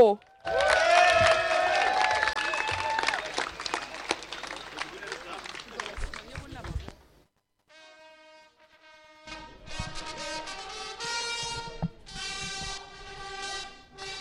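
A crowd applauds and cheers loudly for about seven seconds, with whistles cutting through the clapping, then it fades out and steady, layered tones follow.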